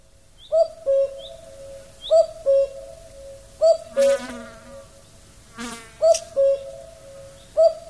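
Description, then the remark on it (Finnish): A common cuckoo call, played in the background, sounds its two-note 'cu-coo' about five times in a steady, evenly spaced rhythm, clear, with a couple of brief crackling bursts in between. “Käen ääni on tarpeeksi hempeä juuri näin heränneenä.”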